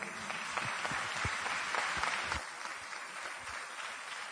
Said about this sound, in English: I wasn't expecting claps for non-attachment, to be honest. So the audience, we are misreading our audience, I suppose.